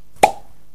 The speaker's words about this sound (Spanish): No sé. Un descorche de una sidra. Sí.